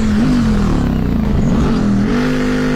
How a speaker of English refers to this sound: And Akio Toyota was so serious about making this car that he developed it alongside the GT3 racing version, and it sounds amazing.